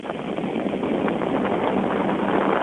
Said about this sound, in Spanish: Esto que escucha es un ventilador de pedestal